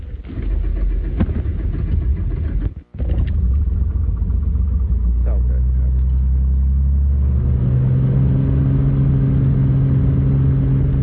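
A small six-seater plane's engine drones loud and steady with a deep rumble, cutting out for an instant early on, then settling into a stronger humming pitch as it runs up.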